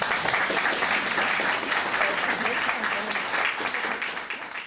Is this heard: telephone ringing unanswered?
no